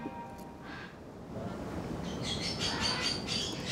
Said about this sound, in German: Wenn nur die Vögel nicht so einen Lärm machen würden.